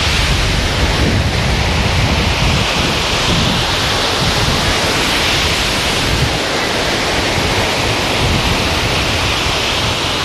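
Heavy sea surf roars loudly and continuously, a dense wash of very large crashing waves with slight surges, no voices, filling the whole stretch.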